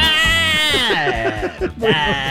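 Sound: goat bleating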